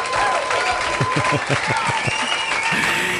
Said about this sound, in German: Ja, ein Applaus für dich!